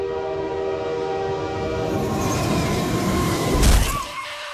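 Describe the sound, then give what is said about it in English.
A loud train sound effect: a train rumbles past, its horn blaring in sustained tonal blasts over the heavy rolling clatter, ending in a sharp burst of noise as it fades. “Damn, we didn't have to go that hard on the sound effect.”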